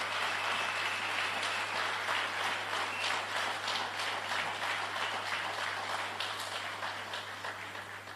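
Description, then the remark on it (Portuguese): Sustained applause from a crowd for young members of the Defence and Security Forces, a dense wash of many hands clapping steadily for several seconds, tapering slightly at the end, with a low steady hum underneath. “Por isso, mais uma vez, uma grande salva de palmas para esses jovens.”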